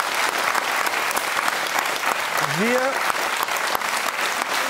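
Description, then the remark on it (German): Steady, dense applause from a studio audience fills the whole stretch, many hands clapping at once, with a brief rising vocal whoop or cheer rising above it partway through. “Nochmal ein kleiner Applaus.”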